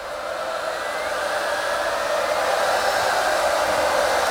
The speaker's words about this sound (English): I tell you what, that crowd were going crazy. Listen to them, listen to them.